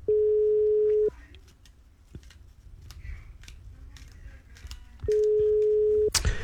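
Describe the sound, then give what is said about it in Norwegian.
A steady electronic ringback tone of an outgoing phone call sounds for about a second, pauses through quiet background noise and faint clicks, then rings again for another second, heard clearly over the phone line. “Ja, tre ringer nok, da gidder jeg ikke å vente lenger.”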